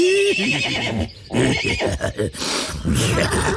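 A horse neighs loudly, a long quavering whinny that rises and shakes for a few seconds, with no voices around it.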